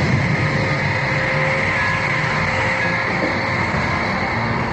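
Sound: submarine engines running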